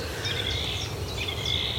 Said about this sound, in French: Cette grive, là, qui... qu'on n'a pas vu, mais qu'on entend.